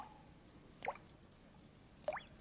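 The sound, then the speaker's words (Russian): Two distinct drips of water from melting snow land about a second apart under spring sun, each a short bright plink against quiet, faint outdoor background noise, with no voices present. “Капель.”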